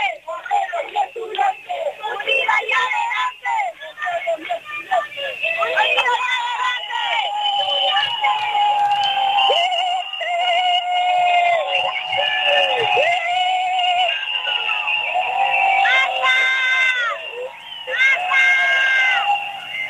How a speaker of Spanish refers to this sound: no sé esos silbidos por quién son. Si es que hay alguien por ahí non grato.